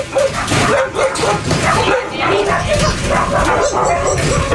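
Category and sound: animal, dogs barking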